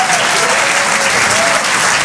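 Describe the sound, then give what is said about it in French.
Steady, dense applause from an audience at the Rire et Chansons Comedy Club, a loud continuous wash of many hands clapping for comedians with no distinct individual claps standing out. “On peut les applaudir très très merci.”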